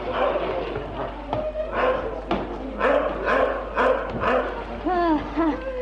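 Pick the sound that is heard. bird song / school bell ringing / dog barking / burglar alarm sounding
dog barking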